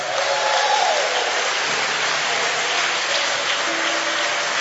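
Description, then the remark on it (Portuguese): A church audience claps continuously to give glory to God, a dense, steady wash of applause that stays loud and even throughout, with faint voices and a few calls mixed underneath. “Então bate palmas e dá glória a Deus.”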